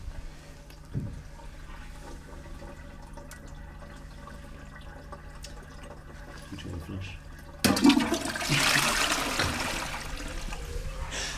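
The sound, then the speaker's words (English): A quiet hum gives way partway through to a sudden, loud toilet flush as something is flushed down the toilet, with rushing, gurgling water that carries on to the end. “You're going to manifest this, I think, by flushing it.”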